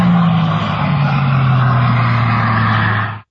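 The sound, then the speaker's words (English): A hydrogen-powered record car driven by Andy Green roars past across the salt flats in Utah, reaching up to 406 miles per hour, a loud, continuous engine whine whose pitch slides steadily downward before cutting off abruptly. No voices are heard. “Blazing across the salt flats in Utah, Andy Green, a retired Royal Air Force pilot, reached a top speed of 406 miles per hour yesterday in a hydrogen-powered car.”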